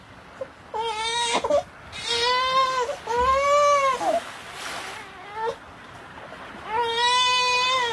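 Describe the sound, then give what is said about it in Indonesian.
A baby cries in loud, drawn-out wails, four or five rising-and-falling sobs with brief gasping pauses between them, with no one talking. “Suatu hari ketika Batin Lagoy sedang berjalan menyusuri pantai, tiba-tiba ia dikejutkan dengan suara tangisan bayi dari arah semak-semak pandan.”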